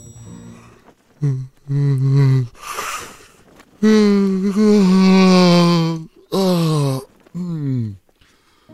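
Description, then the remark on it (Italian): Several loud, drawn-out yawns from a voice, with breathy intakes between them; one long stretched yawn dominates the middle, and the last trails off in a falling, groan-like tone. “Resetta il nostro cervello e lo prepara ad essere influenzato. Lo sbadiglio.”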